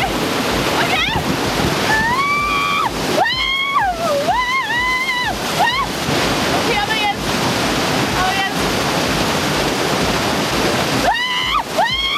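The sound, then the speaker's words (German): Surf waves roar steadily throughout at a surf wave in Tirol, a constant crashing wash, while people shout and call out in bursts over the noise of the water. “auch schon auf einer Surfwelle gewesen.”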